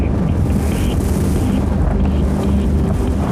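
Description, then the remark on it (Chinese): Strong wind roars steadily across the microphone on stepping out of a hatch at the top of a main tower above a gorge, more than 800 metres above the river: a dense, buffeting rumble with gusty low-end thumps and a constant hiss, loud throughout with no voices. “当我踏出舱门，耳边只有呼啸的风声。”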